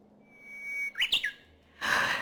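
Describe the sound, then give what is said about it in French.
Two bird-song performers at a concert whistle a duet imitating a Japanese bush warbler (uguisu): one long, steady high note, then a quick up-and-down flourish, followed by a sudden rush of broad noise. “ils ont fait leur duo de chanteurs d'oiseaux. Et à un moment donné, ils ont fait un duo d'uguiso.”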